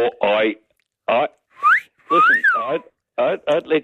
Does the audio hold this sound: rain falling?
no